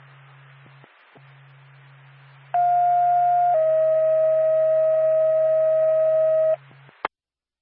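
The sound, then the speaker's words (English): A loud two-tone fire dispatch alert over a radio channel to the Stratford Fire Department for a fire alarm activation on Turner Road, North Stratford: a steady higher tone for about a second, then a longer, slightly lower tone, set against faint radio hiss and ending with a click. “Cut off your tone, 629.”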